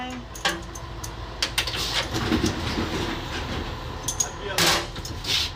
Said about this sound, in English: the train pull out of the station on time.